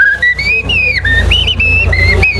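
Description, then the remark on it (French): A person whistles an imitation of a common blackbird's song, a run of fluid, gliding notes rising and falling in short phrases, fairly loud over a low background hum. “Et alors que si c'est un grand arbre plus vieux, on aura le merle noir.”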